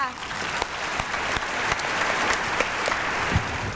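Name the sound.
audience applause and cheering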